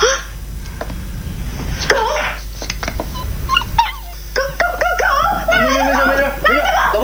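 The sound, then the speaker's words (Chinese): A small stray dog hiding in a home whimpers in a series of thin, high whines that rise and fall, growing more frequent toward the end, with people talking faintly and a steady background hum. “流浪狗，我都喂它两天了。”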